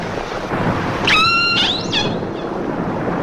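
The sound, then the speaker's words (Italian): A captive orca named Namu, one of the first orcas ever captured, screams underwater while being towed toward Seattle and Puget Sound: a harmonic, whistling cry with rising and falling pitch lasting about a second, followed by shorter calls, all over a steady, noisy hydrophone hiss. “Tra i suoni marini più impressionanti mai registrati, queste urla disperate emesse da Namu, una delle prime orche marine che si sia mai riusciti a catturare.”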